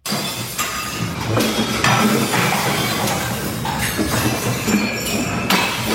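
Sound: glasses and crockery smashing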